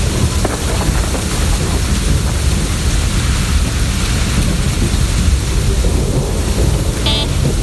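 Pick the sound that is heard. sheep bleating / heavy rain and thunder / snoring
heavy rain and thunder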